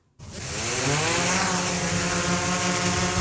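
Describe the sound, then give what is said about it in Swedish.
A drone carrying real lab samples on a first test flight flies by, its propellers giving off a steady, loud, high-pitched buzz that starts abruptly and holds constant with a whining harmonic drone and no voices. “Nu har man gjort ett första försök att skicka riktiga labbprover i skarpt läge med drönare.”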